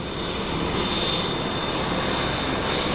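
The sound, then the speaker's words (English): A Merlin helicopter's three Rolls-Royce engines and its rotors roar steadily and loudly, a dense continuous rumble with a thin high turbine whine running through it, and no voices. “The Merlin is without doubt the most advanced in-service helicopter in the world today.”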